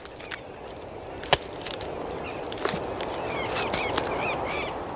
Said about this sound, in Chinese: 与此同时，哒哒哒的敲击声不绝于耳，响彻整个森林。声音来自智利南洋山雄树高耸的树冠。这哒哒哒的敲击声是南美最大的啄木鸟——阿根廷啄木鸟的节奏狂想曲。